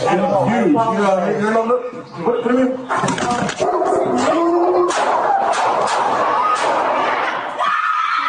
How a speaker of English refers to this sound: body cam video, and you hear the audio, too, showing an incident during which an officer shoots and kills a dog in an apartment complex in Canoga Park.